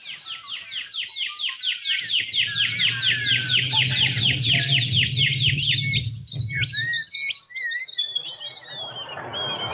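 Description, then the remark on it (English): Birdsong with a fast series of repeated high whistled notes, like a cuckoo's 'pew pew' call, plus scattered sharp chirps from a pardalote. A low steady rumble runs under much of it. “I can hear the pardalote, but that sort of pew, pew, pew, pew. Yeah, I think it might be a shiny bum's cuckoo.”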